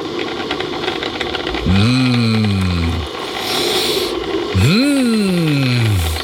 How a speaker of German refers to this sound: Das Geräusch unserer Kaffeemaschine. Mein absolutes Lieblingsgeräusch in der Früh.